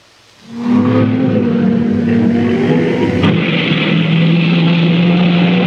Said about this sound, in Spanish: Calentamiento del motor, ¿eh?